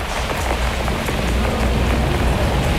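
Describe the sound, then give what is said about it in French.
Steady rain falls on hard city surfaces, a dense, constant patter with scattered drops splashing, loud and unbroken throughout with no voices. “J'aime bien la pluie sur la ville, en plus abrité sous un parapluie.”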